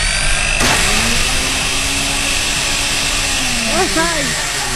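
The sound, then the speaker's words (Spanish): An electric blender runs with a loud, steady whirring roar and a whining motor tone throughout as it blends a chocolate shake, while voices briefly sound over the noise near the end. “Te lo juro que en cuanto saque al mercado una licuadora que no haga ruido, seré la primera en comprarla para no aturdir esos bellos oídos que me escuchan del otro lado.”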